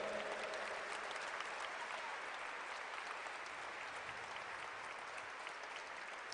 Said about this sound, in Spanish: Denle un fuerte aplauso a ese Cristo vivo. Amén. Fuerte.